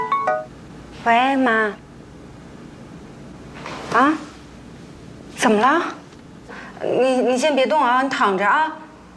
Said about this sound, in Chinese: 哎，稍等，我接一下电话啊。